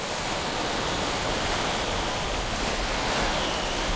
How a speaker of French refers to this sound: Aujourd'hui, le vent souffle fort et pousse le noir vaisseau d'Ulysse au large, très loin dans la mer.